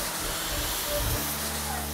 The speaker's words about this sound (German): das zeigt auf jeden Fall Wirkung, weil da ist echt jetzt ein Wasserstrahl, der außen austritt.